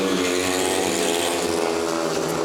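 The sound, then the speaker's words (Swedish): Several speedway motorcycle engines roar together in a loud, continuous, high-pitched racing drone, their overlapping whines steady for the whole stretch with no voices. A speedway heat in which home riders Torsell and Hansen lead a 5-1 over away riders Drabik, on an all-black bike, and Henriksson. “Det är en kontrollerad 5-1-körning från hemmalaget.”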